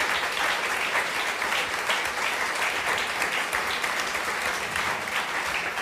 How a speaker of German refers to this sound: Großen Applaus nochmal für unseren Gast an euch und vielen herzlichen Dank.